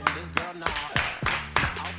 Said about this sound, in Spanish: Aplausos tímidos.